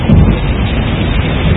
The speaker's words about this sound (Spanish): Es lluvia, claro.